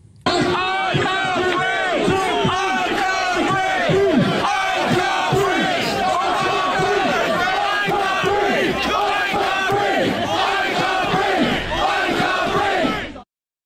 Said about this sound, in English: So they're shouting, I can't breathe, which, as we all know now, are some of the final words of Henry Novak, as the police officer, after he'd said, I can't breathe, said, just put your hand in the cuff, mate.